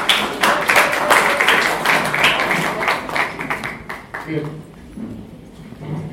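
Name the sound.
audience clapping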